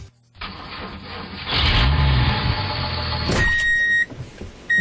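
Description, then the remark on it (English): A heavy diesel engine starts up and settles into a loud, steady rumble with low throbbing, then a sharp high-pitched whine cuts in near the end. “You hear the diesel.”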